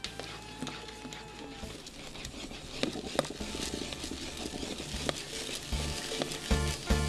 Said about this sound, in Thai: ใช้ไม้พายกวนคนเพื่อช่วยให้สาคูไม่ติดกันเราจะกวนจนกว่าเม็ดสาคูจะใส